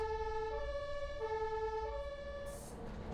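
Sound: ambulance siren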